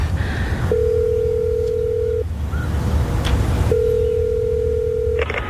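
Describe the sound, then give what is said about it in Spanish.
A phone ringback tone purrs twice in long, steady beeps with a pause between them, heard over a low rumbling background while the call waits to be answered. “coge el teléfono.”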